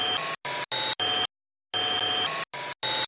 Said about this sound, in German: Ich nehme den Staubsauger-Sound und verändere hier die Tonhöhe. So klingt er normal und so verändert.